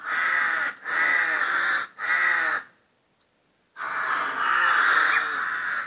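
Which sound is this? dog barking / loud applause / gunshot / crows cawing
crows cawing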